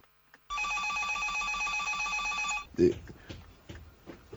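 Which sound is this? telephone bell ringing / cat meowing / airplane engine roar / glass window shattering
telephone bell ringing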